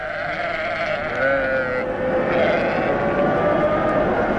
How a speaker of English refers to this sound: About 40 sheep had taken over the pen by the stable, and peasants and shepherds were everywhere.